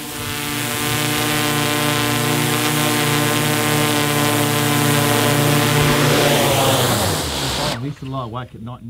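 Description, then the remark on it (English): A drone's steady rotor whine holds for several seconds as it is brought back home, shifts in pitch as it descends and lands, then cuts out abruptly. A voice briefly follows. “Time to bring the drone home.”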